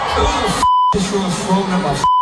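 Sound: censor bleeps over swearing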